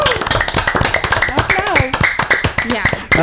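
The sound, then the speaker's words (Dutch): A group of people applauding with steady, dense clapping for about three seconds, while voices talk and call out over the applause. “Nou jongens, klappen.”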